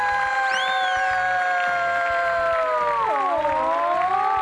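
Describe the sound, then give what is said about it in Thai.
A front-row audience cheers and shouts loudly and continuously, with sustained high-pitched whoops rising and falling over a dense wash of voices. “ขอเสียงแถวหน้าเลยค่ะ”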